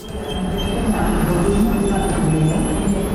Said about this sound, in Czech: U první koleje pražského hlavního nádraží právě zastavil vlak, který pojede do Berouna.